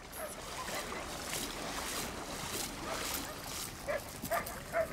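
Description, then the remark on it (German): A pit bull, injured while romping at the edge of a saltwater pool, whimpers and lets out a few short, pained yelps toward the end, heard over a steady wash of splashing water and outdoor noise. “Ein ganz harter Hund hat sich verletzt beim Toben am Beckenrand.”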